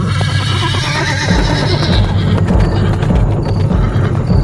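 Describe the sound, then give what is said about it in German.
A riderless black horse whinnies loudly while its hooves clatter in a quick, steady rhythm as it runs down a street, the neighing rising and wavering over continuous clip-clopping. “Ein schwarzes Pferd lief in Panik, reiterlos die Straße hinunter.”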